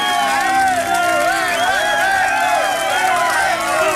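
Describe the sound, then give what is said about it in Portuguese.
On the programme Vitamina, a loud, steady crowd roar of cheering and shouting voices with clapping mixed in welcomes Abel Ferreira, sustained without a break for about four seconds. “Uma salva de palmas!”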